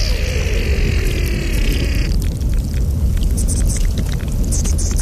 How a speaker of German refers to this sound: Was hören wir denn da? Das sind die Aufnahmen vom Morteratsch-Gletscher, also,